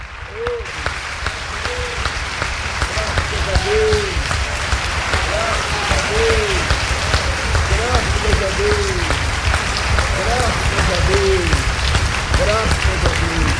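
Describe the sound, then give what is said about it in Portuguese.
An audience applauds the Lord steadily for over ten seconds, a dense, even wash of clapping, while voices call out and speak over it. “Você pode aplaudir o Senhor, olha aí.”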